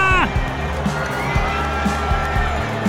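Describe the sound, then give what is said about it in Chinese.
A loud, sustained roar from a big baseball stadium crowd cheering and shouting after a come-from-behind walk-off hit with two outs in the bottom of the ninth, filling the whole stretch with dense noise, with a few sharper whoops and bursts rising above it. “在欢呼声中，球场上的这一支再见安打，不仅逆转了比分，也完美诠释了那句话：不到最后一局，不知道胜负。”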